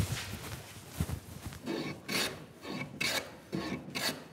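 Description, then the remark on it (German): Steady rasping strokes of hand sanding on a wooden boat hull, done by a team without machines over 15 hours, repeating in a regular back-and-forth rhythm with brief pauses between passes, with no talking. “In Teamarbeit wird das Boot dann geschliffen.”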